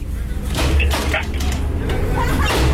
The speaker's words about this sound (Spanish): ¿Quién toca la puerta?